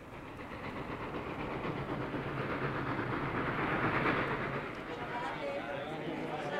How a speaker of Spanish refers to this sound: ¿Pero y qué? De todos modos, el tren tenía que salir.